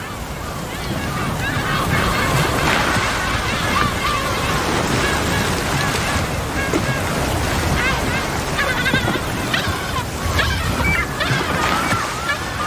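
Humpback whale feeding calls: a series of wavering, rising and falling tonal cries repeating over a steady, loud wash of underwater noise, with a few higher sweeping calls in between.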